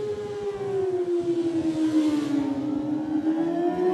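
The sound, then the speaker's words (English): A Greenhill racing motorcycle engine drones loudly and steadily at high revs at the start of the Formula One Classic TT race, as Nathan Harrison gets the race underway. Its whining pitch sags slightly before climbing again, with no voices. “You hear the revs rise on the Greenhill racing machine, and Nathan Harrison gets the race underway.”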